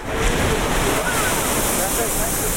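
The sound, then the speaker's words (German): A geyser near a hot spring in Iceland shoots a jet of water out of the ground like a large fountain, with a loud, continuous rushing roar of water and a steady broad hiss of spray that holds its strength without pause throughout. “Nicht weit davon schießt plötzlich ein Geysir aus der Erde.”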